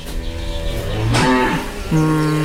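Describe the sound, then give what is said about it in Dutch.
A cow in a closed barn gives low, soft moos, greeting a farmer who walks into the barn: a long droning call that bends in pitch, followed by a second shorter, steady low note, with no talking. “Ja, luister goed naar de lage, zachte toon, hè?”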